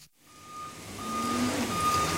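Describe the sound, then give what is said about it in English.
A dump truck's reversing alarm sounds in long, steady beeps over a broad diesel rumble that swells louder as the truck backs up to a big bay door at the front of a tall metal building at the town dump in Unalaska, Alaska. “At the front of a tall metal building, a dump truck backs up to a big bay door.”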